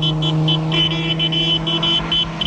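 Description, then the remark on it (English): A car carrying people waving to a newlywed couple drives past, its engine a loud, steady hum with a low drone throughout, broken by a brief, intermittent high whine. No one speaks. “They notice a car passing with people waving to the newlyweds.”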